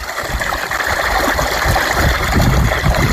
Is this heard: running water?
yes